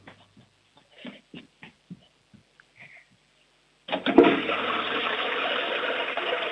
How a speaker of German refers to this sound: Du, das ist eine tolle Klospülung